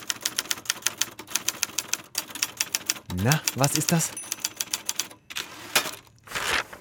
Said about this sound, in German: Dann noch schön das Papier rausziehen aus der Rolle. Das ist etwas, was die Jüngeren unter uns vermutlich nicht mehr kennen. Die Schreibmaschine, quasi Vorläufer der Computer.